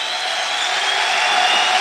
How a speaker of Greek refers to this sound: Ο Ανδρούτσος που χειροκροτείται από το κοινό της Κρήτης.